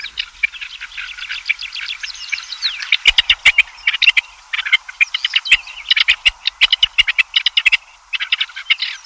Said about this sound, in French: En Chine, comme en Europe, on a remarqué le désagrément du cri de la perdrix.